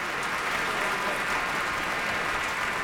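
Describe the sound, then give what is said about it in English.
Sustained applause from a Boston Symphony concert audience as the English horn player stands for a solo bow, a dense, steady wash of clapping hands at a constant level with no voices standing out. “And now Robert Sheena, English horn player, stands to receive the applause of this audience.”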